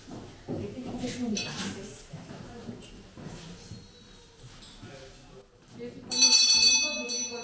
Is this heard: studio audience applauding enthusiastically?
no